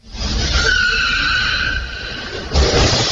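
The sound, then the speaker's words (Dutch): Surveillance footage of a car thief stealing a car at a car dealer's premises in Rossum, causing heavy damage: tires screech loudly and continuously over a roaring engine, with a sudden rougher burst of noise near the end; no one speaks. “Op bewakingsbeelden is te zien hoe de autodief grote schade aanricht terwijl hij een auto steelt.”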